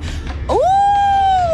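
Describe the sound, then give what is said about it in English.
A child's voice imitates a wolf howl after being asked what a wolf says: a single long, rising "ooo" that swoops up and holds steady for about a second before slightly dipping. It is loud, with no talking. “And a wolf?”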